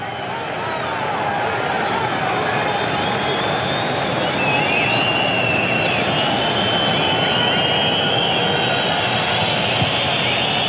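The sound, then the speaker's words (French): A large stadium crowd whistles loudly and continuously at the appearance of Gianni Infantino, probably on the stadium screens: shrill overlapping whistles wavering in pitch above a dense, steady roar that swells slightly midway and holds to the end. “Vous avez entendu les coups de sifflet à l'apparition de Gianni Infantino, sans doute sur les écrans du stade.”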